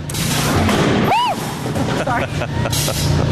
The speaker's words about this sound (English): So we'll do a countdown. This will be your button to push. All right. And so then it will fire the cannon, and then it will shoot right at the glass. 3, 2, 1.